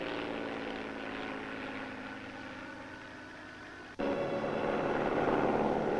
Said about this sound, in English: Here comes the plane. Probably Professor Morosi.